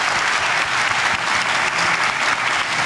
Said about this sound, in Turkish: Başkan Recep Tayyip Erdoğan NATO Liderler Zirvesi sonrası düzenlediği basın toplantısında gazetecilerin sorularına verdiği esprili yanıtlarla salonda uzun süre alkışlandı.